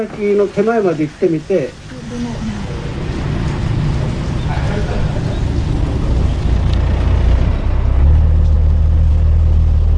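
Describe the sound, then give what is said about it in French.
The engine of a 14-metre fishing boat drones steadily, its low hum growing heavier and louder toward the end, with rushing wash noise throughout. Someone speaks briefly at the start. “On se trouve sur le bateau”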